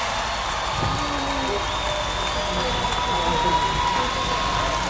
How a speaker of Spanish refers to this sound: ¡Un aplauso!